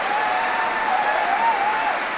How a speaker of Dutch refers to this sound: want het publiek is uitzinnig aan het klappen. Het prachtige pianoconcert nummer 2. Ja, daar komen ze weer. Nicola Meeuwsen. Die kennen we allemaal inmiddels. Na het winnen van zijn grote prijs. Hij komt weer naar voren. Bravo, geroep.